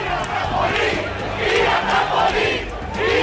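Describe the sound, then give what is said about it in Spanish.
A dense crowd shouts and yells continuously as police charge, the cries urging officers to act in the trampoline area, voices rising in overlapping surges of agitated cries with a low rumble beneath, loud and unbroken throughout. “La policía ha cargado entre los gritos de aquellos que instaban a los agentes a actuar en la zona del trampolín y no contra ellos.”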